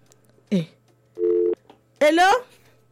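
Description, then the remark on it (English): A steady electronic phone tone sounds for about half a second, fairly loud, between two brief bursts of voice, as someone presses buttons on a phone. “Is he pressing button pressing. Calculator phone, bro.”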